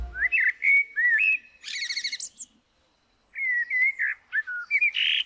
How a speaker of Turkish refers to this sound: Dinlediğiniz bir kara tavuğun şarkısıydı.